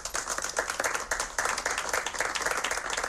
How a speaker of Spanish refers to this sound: miembros de colectivos memorialistas y representantes del Ayuntamiento de Irún, entre ellos la alcaldesa Cristina Laborda, han guardado un minuto de silencio y han realizado una ofrenda floral que ha terminado en aplausos.